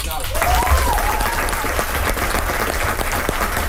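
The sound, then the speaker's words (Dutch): Sustained audience applause for a quiz contestant who answered correctly, a dense steady clatter of many hands clapping at an even loudness, with a faint voice briefly rising through the noise near the start. “Groot applaus hoor.”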